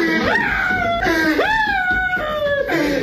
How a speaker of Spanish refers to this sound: Vamos a escuchar ese momento tan incómodo para alguien como él. Agárrenlo, muchacho, porque se están poniendo. Ahí está llorando el vato.